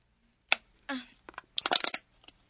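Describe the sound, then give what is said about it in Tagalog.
Someone pulling at the top of an easy-open can: a sharp metallic snap, a brief scraping creak, then a quick cluster of tinny clicks and taps, fairly quiet, with no voices. “Maabli na ako kung birahon rin yung ibabaw nga bahin sa lata.”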